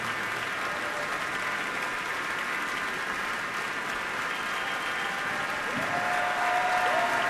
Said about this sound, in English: Crowd really loves him here at Orchestra Hall, standing ovation